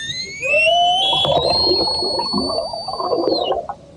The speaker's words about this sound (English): the sound of orca... Whoa, get even louder. The sound of orca whales in the Strait of Gibraltar